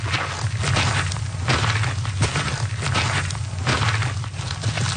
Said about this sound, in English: The sound of boots on a trail, something our next guests are very familiar with. They are walking across the country.